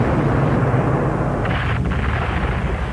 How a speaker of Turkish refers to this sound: Yine top ateşine başladılar Amiral Doria. Boşuna çabalıyorlar. Amiral Doria, bu ateş karşısında adaya yaklaşamayız.